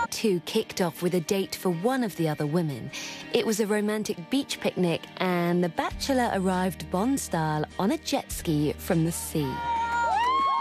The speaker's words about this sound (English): He's greeted by a lot of screaming, and if you watch the show, you will quickly learn that the word sexy is also used in Vietnamese.